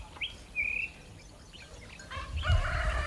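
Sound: rooster crowing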